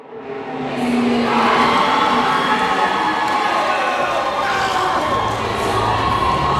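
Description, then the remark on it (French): A large crowd of teenagers cheers and shouts continuously at a robotics competition, a loud, sustained roar of excited voices that swells in the first second and holds steady throughout, in a large Bombardier aircraft finishing hangar in suburban Montreal, Quebec. “C'est pas l'ambiance habituelle dans ces grands hangars de finition d'avions chez Bombardier.”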